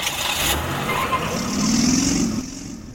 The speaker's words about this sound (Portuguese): Lemos TV, para todo mundo ver a cidade de Codó, o trânsito de Codó. É aqui você está vendo, nós estamos acompanhando como é que flui o trânsito, principalmente no horário de pico.